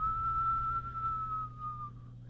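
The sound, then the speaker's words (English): A person whistles one long, steady note, imitating the north wind blowing. It holds for about two seconds, dips slightly in pitch and fades, over a faint low background hum. “Next to the north wind began to whistle.”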